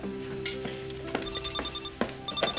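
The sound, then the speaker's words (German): A telephone rings in short electronic bursts, its high repeating tones cutting through a busy background of clinks and knocks. No one speaks during the ringing. “Oh, Telefon.”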